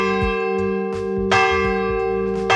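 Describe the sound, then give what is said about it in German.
A church bell rings out in a short sequence of four strikes in a personal signature pattern, each clang layered over a long, humming resonance that keeps sounding between hits. Loud, with no voices. “Sebastians Signature-Glocke”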